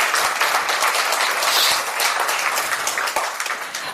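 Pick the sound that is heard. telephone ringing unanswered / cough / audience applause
audience applause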